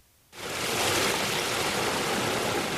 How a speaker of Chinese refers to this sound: 8月6号，随着埃里克塔木取首的电子闸门缓缓抬升，塔里木河的最长源流叶尔羌河河水奔涌而下，水流一路绵延超过350公里，在与和田河交汇后，最终汇入塔里木河干流。